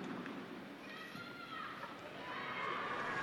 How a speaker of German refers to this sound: Auf den Segen des Papstes folgt Applaus der jubelnden Menge, die heute trotz der Hitze gekommen sind, um Papst Leo zu begrüßen und ihn zu hören.